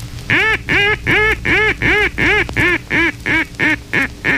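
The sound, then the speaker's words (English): A duck call blown in a greeting sequence: roughly ten to eleven loud, nasal quacks in a steady, rapid rhythm, clear with no talking. “The second basic call is a greeting call. Use it at distances up to 500 yards and make it more excitable as ducks draw closer.”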